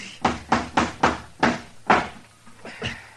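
A hammer pounds a nail into a wooden door of rotten, dry wood, about six sharp, steady blows in quick succession, then a pause and a couple of lighter taps. Fairly loud, with no talking.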